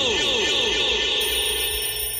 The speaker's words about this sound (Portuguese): Agora é hora de desligar o despertador. Olha a hora, olha a hora.